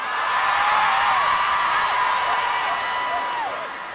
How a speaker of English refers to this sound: And they also do weddings. Big pop from the crowd after he said that.